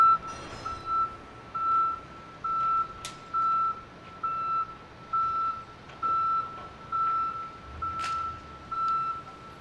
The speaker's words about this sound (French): C'est une autre forme de klaxon, mais celui-là, il nous dit que, ben, il nous dit pas j'avance, il nous dit je recule. Comme quoi, c'est polysémique.